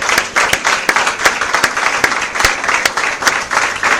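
A church audience breaks into steady, dense applause for the Lord, many hands clapping together at a fairly loud level with a few sharper individual claps standing out, sustained throughout without any speech.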